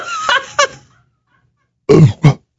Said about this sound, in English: Oh, no. My apologies. I don't want to smell that burp.